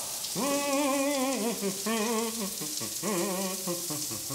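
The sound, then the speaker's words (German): A new, coin-operated campsite shower at Camping Fulda-Schleife runs with a steady, bright hiss of spraying water throughout, while a voice sings three short, wavering melodic phrases over the rushing spray. “Da kann der Friseur duschen gehen.”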